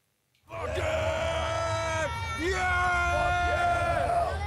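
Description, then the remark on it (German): A crowd of heavy metal fans, nearly all of the 85,000 ticket holders, screams and yells loudly with joy on the opening day of the Wacken Open Air festival, several sustained, wavering shouts rising over a constant low rumble of many people, starting abruptly after a brief silence and continuing throughout. “Und diese Freude, die pusten sie dann raus in Form von Geschrei am Eröffnungstag.”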